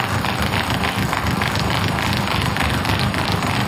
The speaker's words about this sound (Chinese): 大家可以听到运动员在赛场的脚步声，一般来说有一些运动员的落地声音会非常小，那么他就是向上抬腿发力的，有一些运动员呢落地的声音会非常大，他们是向下发力的。